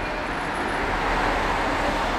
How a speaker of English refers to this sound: Cars.